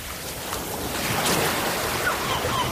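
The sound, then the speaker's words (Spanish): Steady wash of waves breaking over pebbles on a beach, the stones knocking against each other as each wave retreats, with a soft wind underneath and a few faint gull cries near the end. No one speaks. “Olas rompiendo sobre las piedras, gaviotas, un viento suave y de fondo conversaciones lejanas de familias.”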